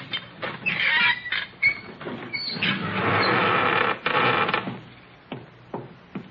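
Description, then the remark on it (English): A secret door leading into the Sheik's room creaks slowly open in a long, drawn-out wooden groan lasting several seconds, fairly loud, then settles with a few soft knocks and clicks. “This door takes us right into the Sheik's room.”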